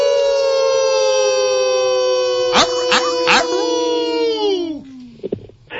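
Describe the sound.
A sustained, loud wolf-like howl from human voices, welcoming a caller from Virginia, a long harmonic wail slowly falling in pitch, broken midway by a few sharp yelps before trailing off.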